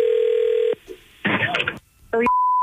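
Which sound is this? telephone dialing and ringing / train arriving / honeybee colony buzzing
telephone dialing and ringing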